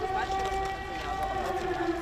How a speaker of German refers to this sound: Luftalarm, eine gespenstische Stimmung.